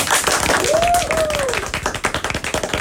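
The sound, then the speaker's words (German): A small group, the team, claps in a dense, steady burst of applause lasting a few seconds, with a brief whistle-like tone rising and falling over the clapping. “Einmal kurz die Applausabfrage ins Team, vielleicht auch an die Zuschauer.”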